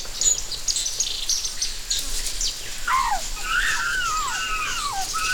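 Many birds chatter and whistle at once in a jungle, a busy overlapping mix of chirps, trills and swooping calls, with a steady high insect buzz underneath.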